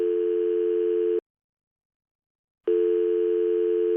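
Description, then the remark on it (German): A mobile phone call's ringing tone, placed on a borrowed mobile phone to the Vipassana Center: two long, steady electronic beeps separated by a pause of silence, clear, with no voices. “John fragt den Mann, ob er mal kurz sein Handy benutzen darf und ob er ihm die Nummer vom Zentrum geben kann, weil er seine Frau erreichen will.”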